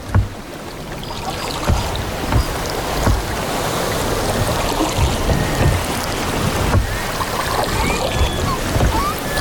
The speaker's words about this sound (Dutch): Oh, we glijden lekker over het water heen